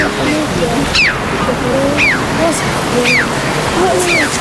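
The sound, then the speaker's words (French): A red-billed chough, a bird of the crow family, gives four sharp, downward-sliding 'chee-ow' calls, spaced about a second apart, ringing out over a steady rush of surf-like noise. “Donc c'est son cri que vous entendez là qui est assez spécial.”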